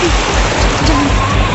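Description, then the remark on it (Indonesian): Strong sea waves roar at night around a ship travelling to Wakatobi, a loud, steady wash of rushing water, a dense hiss with a deep rumble underneath and no clear pauses between swells. “Ombak keras sekali malam ini.”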